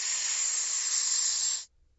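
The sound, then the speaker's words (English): A steady, loud snake hiss held for about a second and a half, breathy and bright, cutting off abruptly into near silence. No talking. “So we've already got the first one, Snake.”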